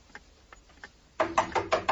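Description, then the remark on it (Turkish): Knocking on a door by a building doorman: a few soft taps, then a run of about five louder, evenly spaced knocks, with no voices. “Kapı çalınıyor.”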